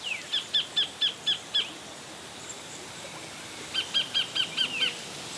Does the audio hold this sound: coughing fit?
no